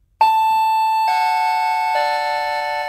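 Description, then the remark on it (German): A doorbell chimes three descending notes in quick succession, each bright tone ringing on and overlapping the next as it slowly fades. Loud, with no voices. “Ich brauche eine neue Türklingel, weil meine nicht mehr funktioniert.”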